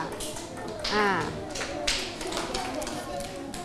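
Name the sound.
classroom applause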